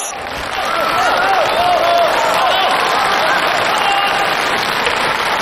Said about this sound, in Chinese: 好啊，感谢朋友们这么热情的掌声。